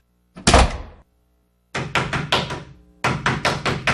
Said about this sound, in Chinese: 你是谁啊？敲错房了。